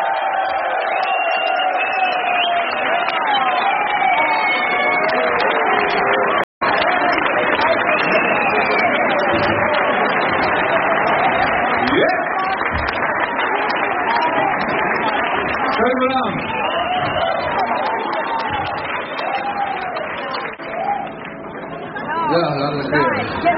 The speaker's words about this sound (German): 70er, 80er, Oldiestar. Riesen Applaus für …!